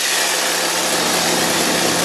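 A hedge trimmer runs without pause, a loud, steady mechanical buzz with a harsh, hissing edge and no change in pace, and no voices over it.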